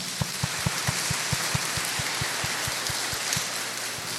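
A crowd at a Catholic prayer gathering applauds after the prayers in a dense, steady wash of clapping, with a regular low thumping beat running underneath at about four per second. Nobody speaks.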